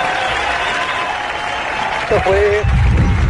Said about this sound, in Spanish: Qué chulo. Qué denle un aplauso.